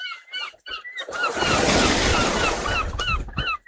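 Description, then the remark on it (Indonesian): A broad wash of surf from the Strait of Malacca rises and rolls steadily for a few seconds on the mangrove coast of eastern North Sumatra, Indonesia, at the Karanggading and Langka Timur Laut Wildlife Reserve, with bright chirping bird calls repeating over the top at the start and end. “Di pesisir timur Sumatera Utara, hamparan hijau mangrove berdiri gagah menyambut ombak Selat Malaka.”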